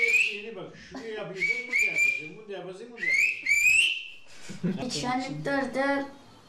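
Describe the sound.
Clear, high whistled phrases with rising and falling pitch glides come in short bursts, like a whistled language, while a voice talks underneath throughout.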